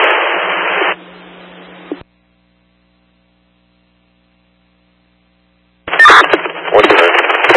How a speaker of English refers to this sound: You're all static. I did copy Parishville fire to shut down traffic. 47. Could not understand anything after that point.